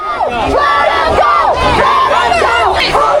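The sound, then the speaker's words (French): A large crowd shouts the chant "Cassez-vous d'ici!" in unison at about thirty agents trying to round up undocumented people, many loud voices rising and falling together in a steady repeating rhythm that never lets up. “Les personnes scandent « Cassez-vous d'ici !»”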